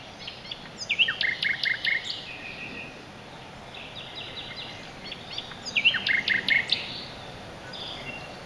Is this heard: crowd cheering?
no